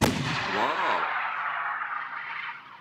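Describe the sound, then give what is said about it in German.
A single heavy blast from a hail cannon, a sound-wave cannon used as protection against hail, a booming thump with a brief wavering, whooshing ring that trails off into a long, rumbling, hissing decay. “2018 hat der Verband die Anerkennung der Schallwellenkanone als offizielle Schutzmethode gegen Hagel beim Landwirtschaftsministerium durchgesetzt.”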